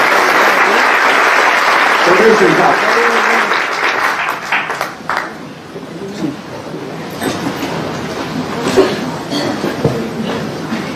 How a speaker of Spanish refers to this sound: Den un aplauso al Señor Jesucristo, mi hermano.